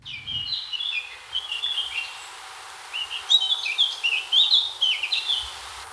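Outdoor park ambience under large trees in Suresnes, France, near the Mont-Valérien fortress, with several birds chirping and singing back and forth, the calls bright over a soft, steady background hush.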